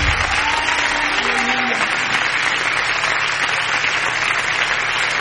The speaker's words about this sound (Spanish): vas a dar palmas al Señor, dáselas con todo tu corazón.